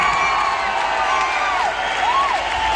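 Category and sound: crowd, concert crowd cheering ovation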